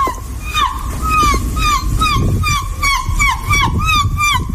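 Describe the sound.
A woman's voice imitates a seagull, letting out a rapid run of loud, high, wavering squawks in steady rhythm over a low rumbling background.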